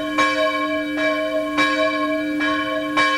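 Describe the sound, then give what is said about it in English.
An alarm bell, rung to gather everyone into a courtyard, rings out five times in quick succession, each loud clang overlapping the last with a sustained, metallic ringing full of bright overtones. No voices are heard. “Quickly, she rang the alarm to gather everyone into the courtyard.”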